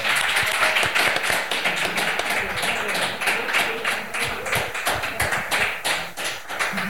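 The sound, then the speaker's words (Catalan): Sustained audience applause thanking artists for presenting their art, a dense crackle of many hands clapping steadily for several seconds at a fairly even, loud level, with no talking over it. “Moltes gràcies a tots per la paciència i el temps que ens heu dedicat a oferir-nos el vostre art, i un aplaudiment.”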